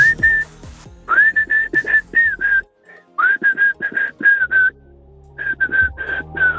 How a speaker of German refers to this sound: Und so klingt das, wenn du es pfeifst.